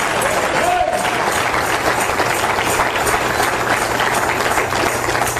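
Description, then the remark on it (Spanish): An audience claps hands in praise of the Lord at a Spanish-language church service, a dense, continuous patter of many hands at steady loudness throughout, with a low hum beneath and faint voices mixed in. “¿Cuánto le dan palmas de alabanza al Señor, hermano?”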